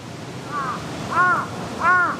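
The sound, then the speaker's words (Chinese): Crows caw three times at a steady pace, each harsh call louder than the last, over a low constant background rumble with no talking; the crows are gathering around a dead crow lying on the ground. “地上的乌鸦尸体不是他们认识的个体，但他们依然聚集过来。”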